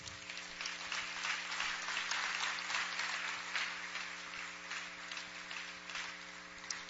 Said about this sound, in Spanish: Un aplauso para Dios.